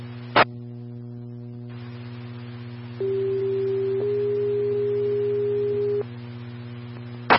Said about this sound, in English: EMS 1 standby for Tones.